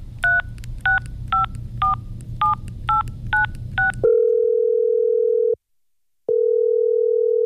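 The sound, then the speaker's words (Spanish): A phone number is dialed with eight quick touch-tone beeps in an even rhythm, followed by a loud, steady line tone that cuts out briefly and then resumes. “Lo sentimos. El número que usted marcó no existe.”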